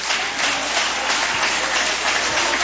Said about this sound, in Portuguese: Pode glorificar o Senhor com as palmas.